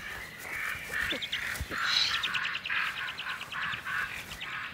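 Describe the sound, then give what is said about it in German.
Excited common raven alarm calls ring out in a rapid, repeated series of harsh croaks in a forest, warning of an eagle owl arriving with prey for its young on a rock ledge, with a steady outdoor background and no voices. “Im Hintergrund aufgeregte Kolkrabenrufe.”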